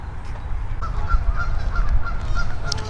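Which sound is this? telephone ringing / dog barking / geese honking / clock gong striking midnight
geese honking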